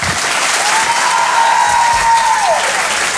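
Sustained audience applause, a dense, steady wash of clapping at constant loudness, with a thin whistle-like tone gliding in the middle and dropping off near the end.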